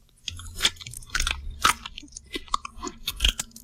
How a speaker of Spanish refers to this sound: Este es el quebrantahuesos masticando, el quebrantahuesos que, por cierto, tira las piezas que se predispone a comer desde la altura para romperlas,